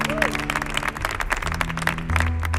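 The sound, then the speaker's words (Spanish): Steady applause from the audience at El Show del Comandante Lara for a singer, dense continuous clapping filling the whole clip at a loud, even level, with a low sustained hum and a brief rising tone underneath. “Fuerte el aplauso para ….”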